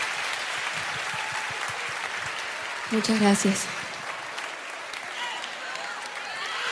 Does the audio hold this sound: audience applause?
yes